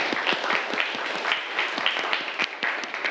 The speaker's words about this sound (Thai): ปรบมือให้เพื่อนด้วยครับนักเรียนนะครับ